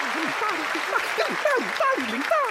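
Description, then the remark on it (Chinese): A crowd claps steadily for a restaurant manager over a dense, even hiss of hands, with scattered voices calling out and cheering in rising and falling pitches throughout. “嘿，我们终于等到你，掌声送给好经理。”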